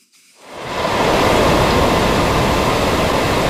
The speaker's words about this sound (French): C'est un drame dont la portée se transpose mal en son. Difficile d'imaginer la force de ce torrent d'eau qui cascade dans les rues défoncées, contournant les maisons assiégées. Ce déluge, c'était le résultat de pluies exceptionnelles